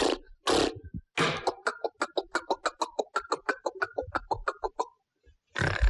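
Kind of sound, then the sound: vocal imitation, voice imitating snoring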